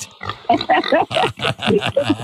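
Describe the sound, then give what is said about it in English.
A pig oinks in a quick run of about eight snorting grunts, fairly loud, each burst rough and nasal with brief gaps between. No one speaks. “When it comes to eating chocolate, I'm actually a bit like this. I'm a bit of a pig, actually.”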